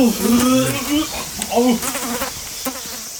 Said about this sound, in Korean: 아우, 아 냄새. 와, 누가 똥 쌌어? 아, 똥파리 보인 것 좀 보십시오.